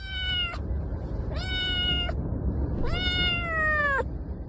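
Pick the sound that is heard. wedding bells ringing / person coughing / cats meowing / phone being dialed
cats meowing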